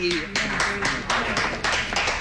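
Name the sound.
round of applause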